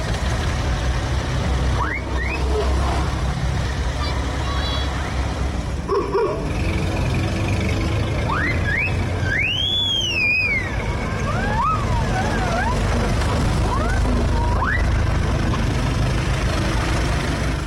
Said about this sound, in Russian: Из этих машин столетней, более чем столетней давности, пробки на улицах. Да-да-да, невероятно. Давайте секунду буквально послушаем.